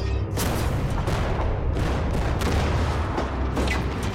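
Artillery shells burst again and again 50 metres in front of Red Army trenches, a series of loud, sharp booms landing over a constant heavy rumble, with no pause between the blasts and no voices.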